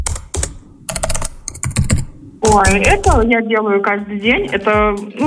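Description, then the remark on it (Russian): Quick, irregular clicks of fingers typing on a computer keyboard for about two seconds, crisp, then a person starts speaking and their voice takes over the rest. “Это, по клавиатуре.”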